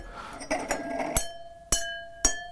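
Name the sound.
pen tapping stemmed glasses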